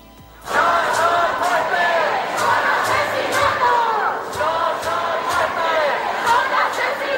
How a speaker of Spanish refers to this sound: Y así suena la Puerta del Sol después de la muerte de Mari Carmen. No son muertes, son asesinatos, cantan los manifestantes.